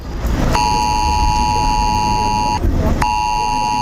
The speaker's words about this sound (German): Da ist er wieder, der Moment, wenn sich das eigene Handy selbstständig macht. Dem extra lauten Warnton kann kaum einer entkommen. Ich weiß, was das ist. Das ist dieser Probewarnton. Der Notfallalarm auf dem Handy. Ja, es ist ein Alarmton.